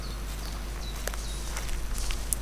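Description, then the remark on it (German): Soft, irregular footsteps crunch along a trodden footpath by a forest clearing, each step a brief scuff or snap over a quiet, steady background hum, with occasional faint bird chirps. “Und hier links sehe ich einen Trampelpfad. Ich laufe mal hier lang.”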